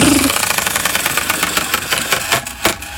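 A prize wheel spins with a rapid rattle of clicks that gradually slow and spread apart, ending in a few distinct, separate ticks as it comes to rest.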